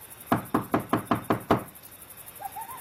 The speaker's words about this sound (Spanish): Llamó a la puerta de la calle y salió a responder una sierva llamada Rode.